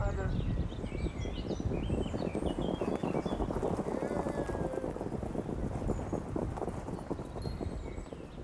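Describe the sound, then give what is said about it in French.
Several horses gallop past at racing speed during horse races at the racecourse at La Prairie in Caen, in the morning: a dense, rapid drumming of hooves that stays loud throughout, with birds chirping faintly in the background. “J'habite à la Prairie, c'est vraiment l'endroit où j'aime le plus y être, puisque déjà le matin, des fois quand je me lève, je vois les courses de chevaux.”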